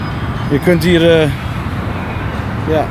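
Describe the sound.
Steady low rumble of road traffic on a very large road, the Dallas Turnpike, fills the background, with a voice speaking briefly over it near the start and again at the end.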